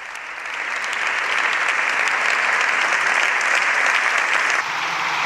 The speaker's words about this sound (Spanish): Aplausos de las bancadas del partido podrido.